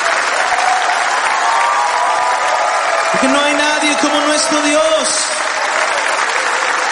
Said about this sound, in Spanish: Dele fuerte ese aplauso a Él.